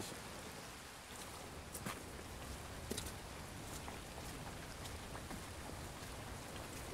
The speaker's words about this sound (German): Gegen Mittag immer noch Regen. Zeit für eine kleine Pause.